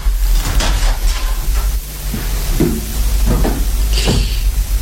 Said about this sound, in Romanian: S-aud pași pe scară. El trebuie să fie.